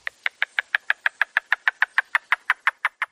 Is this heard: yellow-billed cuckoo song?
yes